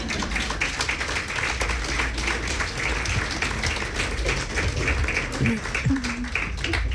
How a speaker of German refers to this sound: Das war der erste Teil. Sie dürfen klatschen, ja.